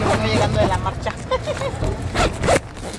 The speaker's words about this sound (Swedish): Remedios öppnar dragkedjan till sitt tält.